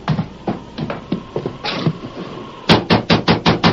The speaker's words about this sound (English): Thatcher, open the door. Thatcher! Well, that's strange. We've certainly knocked loudly enough for him to hear. We knocked plenty hard.